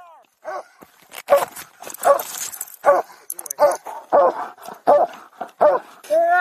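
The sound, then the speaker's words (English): A police dog barks and whimpers as it is unleashed and jumps on a driver during an arrest, letting out a rapid series of about eight loud, sharp yelping barks, with thin high whines slipping in between and at the end. “The dog was then unleashed and jumped on the driver, keeping him pinned to the floor, while officers took the opportunity to arrest him.”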